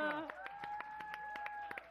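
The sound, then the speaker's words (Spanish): Brief applause from a small audience at the Humanifest event: steady, rhythmic claps at a brisk even pace, heard over a sustained high musical tone, moderately loud. “Un aplauso para”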